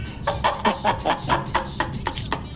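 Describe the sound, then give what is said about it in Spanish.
A parrot squawks in a rapid string of about ten harsh, raspy calls, evenly paced, with no one talking over it. “No dice que se está muriendo el perico, que no sabe pues qué cosa es lo que tiene ya.”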